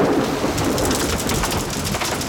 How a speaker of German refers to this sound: Gewitter und Regen.